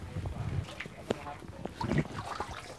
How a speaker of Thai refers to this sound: แล้วเราต้องอยู่ห่างนิดนึงนะครับน้ำจะกระเด็นครับคุณลุงครับนี่ครับคือเป็นการว่ายน้ำนะครับผมไก่ก็จะตีปีกตีขาเดี๋ยวคอยให้นิ่งนิดนึง